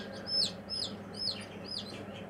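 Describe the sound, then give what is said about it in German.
A run of high, thin peeps from a group of young ducklings, about four or five quick calls in a loose rhythm, fairly clear over a low, steady background rumble. “Die Entenmannschaft braucht aber noch Verstärkung.”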